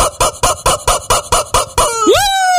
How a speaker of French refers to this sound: C'est mon petit volaille, c'est mon petit canard. Ah, cool! Ouais, il m'accompagne tous les soirs, mon petit canard.